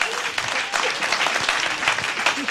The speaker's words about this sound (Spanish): Oiga, la mujer es el mejor don que Dios nos ha dado. Denle un aplauso al Señor por ella.